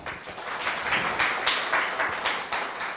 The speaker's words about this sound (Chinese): 好，那我们热烈掌声欢迎